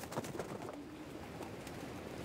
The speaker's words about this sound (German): Das ist das größte Glück, wenn sie dann wieder zu Hause sind. Dieses Glück scheinen die Männer heute zu haben. Alle Tauben kehren heim.